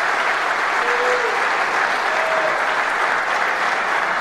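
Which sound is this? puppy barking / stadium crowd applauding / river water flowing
stadium crowd applauding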